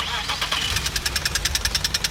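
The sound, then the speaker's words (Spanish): A car engine cranks over and over without catching, a fast, steady, rhythmic chugging from the starter that grows more distinct after a rough first moment, fairly loud. “Si tu auto hace este ruido”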